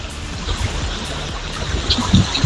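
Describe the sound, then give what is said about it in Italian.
Continuous watery wash and lapping of the sea at Vieste, Italy, with soft low splashes rising and falling irregularly, like waves sloshing along the shore. No one speaks. “Uno sciabordio?”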